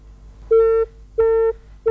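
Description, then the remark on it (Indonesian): A telephone busy tone on a radio station's listener call-in line: steady, clean beeps of about a third of a second each, repeating at an even pace with short silences between, loud over faint background hum. “Dicoba kembali. Kenapa ini teleponnya tidak bisa Irsan angkat?”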